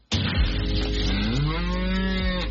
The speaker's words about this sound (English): Spare a thought for the dairy cows in this heat.